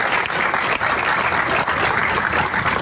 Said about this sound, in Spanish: Y esto se logró gracias al compromiso, gracias al señor presidente, para quien pido un fuerte abrazo, un fuerte aplauso para él y para todo su equipo de gobierno. Gracias, presidente.